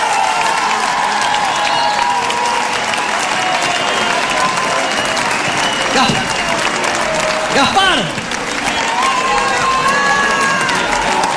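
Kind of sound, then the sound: crowd, audience applause and cheering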